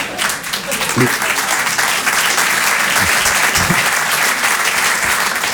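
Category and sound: crowd, audience applause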